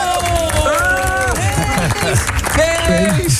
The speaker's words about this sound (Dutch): Groot applaus!